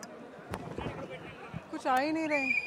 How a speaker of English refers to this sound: These are whistles, Shiv, and the symbol of Vijay's party.